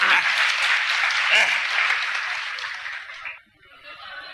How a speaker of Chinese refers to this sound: 各位鼓鼓掌，让他来了。